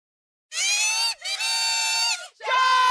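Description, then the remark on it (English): A loud hockey arena crowd cheers and screams in three sustained surges, with brief dips between them, a dense wall of high-pitched voices; the sound of Ottawa Charge PWHL fans at the Canadian Tire Centre. “A sound that will fill the Canadian Tire Centre tonight as the Ottawa Charge return home for Game 3.”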